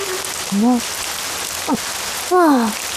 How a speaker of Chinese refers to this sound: 下雨了。 哦，天气预报没说要下雨啊。